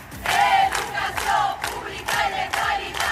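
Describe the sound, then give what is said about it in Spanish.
A large crowd at a street protest in Valencia in defense of public education chants in loud, rhythmic bursts, roughly five shouted phrases repeating at a steady pace over a constant roar of many voices. “Mientras nosotros estamos aquí, está habiendo una enorme manifestación por las calles de Valencia en defensa de la educación pública.”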